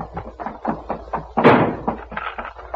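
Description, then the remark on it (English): The door to Voltan's quarters slams shut with a single loud bang midway through as it is barred, set among busier, muffled rustling and movement before and after. “We can bar the door and hold them off while we arrange to escape by the window.”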